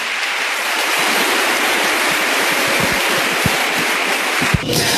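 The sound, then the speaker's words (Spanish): Loud, sustained applause from an audience, a dense, steady crackle of many hands clapping at once without pause, holding at full strength throughout with no voices audible. “Denle un aplauso, pero fuerte, al que está aquí en medio de nosotros.”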